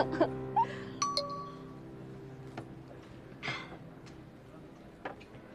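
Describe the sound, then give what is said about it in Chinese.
Glasses clink together in a toast during a meal, a short bright chime with a lingering ring, followed by faint rustles and small table noises. “来提一杯吧。”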